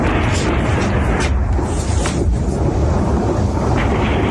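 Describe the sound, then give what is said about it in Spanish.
A few sharp gunshots crack out at irregular intervals, partly buried in a dense, constant roar of loud outdoor noise, fired during a night-time rave festival in Aarau, in northern Switzerland. “El sonido de los disparos que se han producido esta noche en esa fiesta, en ese festival.”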